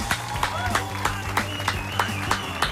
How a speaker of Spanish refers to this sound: Permítame esta licencia, ¿no? Permítame esta licencia de aplaudir desde acá, desde la lejanía ciudad de Santiago, cruzando el Atlántico y llegando probablemente a Londres, o quizás donde esté ahora, en Estados Unidos